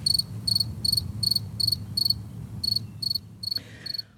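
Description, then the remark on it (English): A modern-day cricket chirps in a steady, rapid rhythm of short bright pulses, clear over a low rumbling background, with no one talking. “Just so for folks who don't remember, here is what crickets today sound like.”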